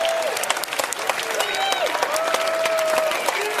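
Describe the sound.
Sustained audience applause, a dense steady crackle of many hands clapping at even loudness, with a few whistles and cheering voices rising through the noise.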